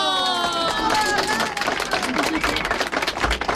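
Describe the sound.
A group of women bursts into loud applause for ideas about a community radio, dense rapid clapping filling the whole moment, with voices whooping and cheering at the start before the clapping takes over.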